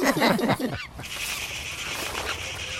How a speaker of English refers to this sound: He scared those birds out of the tree.